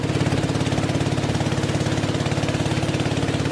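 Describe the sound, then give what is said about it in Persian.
A small boat engine runs steadily, a loud, rapid chugging drone with an even pulsing rhythm and no voices. The small boat carries a Buddhist monk and dogs along a river in Thailand to collect alms from riverside villages. “سگ‌هایی که به همراه راهب بودایی سوار بر قایقی کوچک برای جمع‌آوری نزورات راهی روستاهای کنار رودخانه می‌شوند.”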